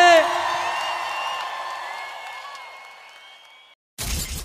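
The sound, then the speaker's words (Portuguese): A crowd yells together in one sustained, loud cheer that gradually fades over a few seconds, followed by a brief pause and a sudden burst of noise. “Deu só do grito que eu quero ouvir.”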